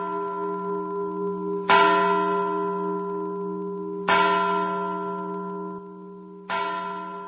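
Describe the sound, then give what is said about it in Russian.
An old Dutch clock standing in the corner of a hall slowly strikes midnight, three resonant bell-like chimes spaced evenly apart, each ringing on with a long, humming decay that overlaps the next. No one speaks. “Старые голландские часы, стоявшие в углу залы, начали медленно бить полночь.”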